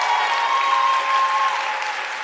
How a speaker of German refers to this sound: Applaus gestern Abend im Frankfurter Römer für Die Lücken von Sheyda Bazyar.